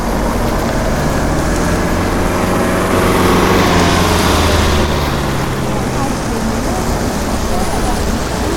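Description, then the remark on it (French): Cars drive past on both sides in a continuous roar of engines and tyre noise, swelling louder midway as vehicles go by, then settling into a steady rumble of traffic. “Les voitures passent des deux côtés.”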